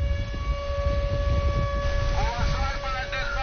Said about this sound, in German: Luftalarm mitten am Tag am Badestrand von Novorossijsk im Norden der Schwarzmeerküste. Doch viele Menschen bleiben einfach liegen. Dieser Sound scheint hier in diesem Sommer dazu zu gehören. Wind und Meeresrauschen mit heulender Sirene.